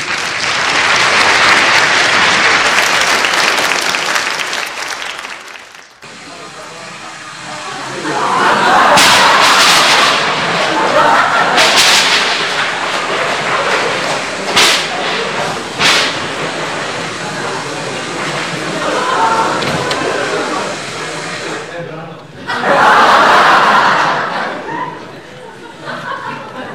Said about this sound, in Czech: Zatrolené počasí. Nebýt té bouřky, už bych tam byl.